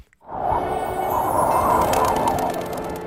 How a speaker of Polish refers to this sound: To Tarzan chyba był. Nie, to był kogut.